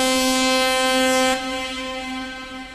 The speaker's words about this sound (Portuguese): Inclusive, você falou da buzina, então toma a buzinada aí, ó.